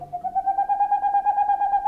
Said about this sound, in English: In the darkness of a northern forest, the hooting of a boreal owl. This is the male owl's song. These staccato notes can continue for more than an hour and carry for more than a mile.